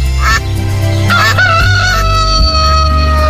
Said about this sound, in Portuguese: O galo cantou.